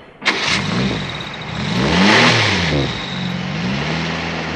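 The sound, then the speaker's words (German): A car engine starts with a sharp burst, then revs up and down with rising and falling pitch as the vehicle pulls away, loud throughout with no one speaking. “Jesus, du, der Wagen.”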